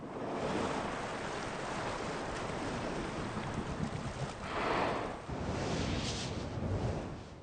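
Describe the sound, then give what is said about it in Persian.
Ocean waves crash steadily onto a sandy Brazilian beach, a dense, roaring wash of surf with swelling surges and some wind buffeting the microphone, no voices present. “این سواحل ریگی برزیل شاهد طوفان‌های بسیار شدید می‌باشد. این امواج ریگ‌ها را به جا می‌کند.”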